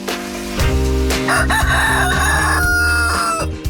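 A rooster lets out one loud, drawn-out crow lasting a few seconds, prominent, with a steady musical backing underneath and no talking.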